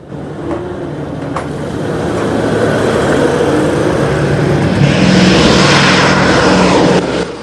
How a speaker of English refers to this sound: They look up to see two of the B-17s coming into land.